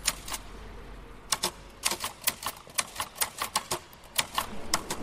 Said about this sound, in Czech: Nečekal bych to, ale uvnitř kostela klape psací stroj